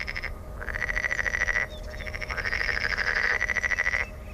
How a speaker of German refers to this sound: Diesmal haben wir den Teichfrosch oder Wasserfrosch vor uns. Das ist eine Art, die wohl auch nachts quakt, aber auch bei Tag, vor allen Dingen bei Sonnenschein, sich sehr laut hören lässt.